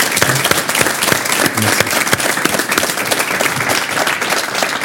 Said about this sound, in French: En tout cas, je suis ravi d'être avec vous et d'être reçu également par le maire Éric Ciotti, président également de la métropole. Applaudissements pour monsieur le maire, s'il vous plaît.